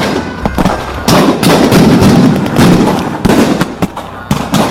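A volley of loud gunshots cracks out in irregular bursts, some shots close together and others spaced apart, over a continuous noisy rumble like a chaotic battle scene, depicting British soldiers firing on Birsa's followers at Dombari Buru on 9 January 1900.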